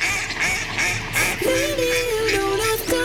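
A duck quacks several times in quick succession, loud, with nasal, buzzy calls following a brief stretch of noisy background.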